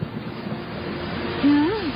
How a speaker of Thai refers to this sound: โอ้ยทำไมลมแรงแบบนี้เนี่ย